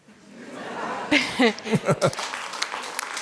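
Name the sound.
audience applause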